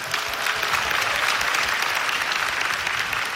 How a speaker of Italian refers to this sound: This year we lost two of them whose work was greatly influential in the history. Please tribute a warm round of applause to Moritz de Hadeln and Lili Anstam.